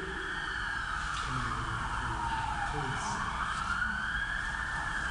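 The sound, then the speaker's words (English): Emergency vehicle sirens wail continuously outside, their pitch slowly rising and falling as the vehicles pass, with a muffled voice murmuring faintly underneath. “Lord, in your mercy, we don't know where the sirens and the cars are going, but do a good work through those that go to bring relief and safety to others.”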